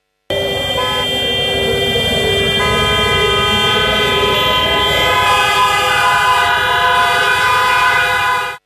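An air-raid siren blares over a Chinese city at 9:18 a.m. for the 95th anniversary of the September 18 Incident, a long, steady, unbroken tone joined by layered horn-like blasts that thicken the sound after a few seconds, over a low traffic rumble as vehicles stop, with no talking.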